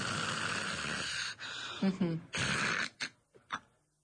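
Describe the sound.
A person imitates snoring with a long, raspy inhaled snore followed by a few shorter snorting breaths and puffs, fairly loud, then a pause, acting out a snorer who stops breathing in an apnea and then breathes again.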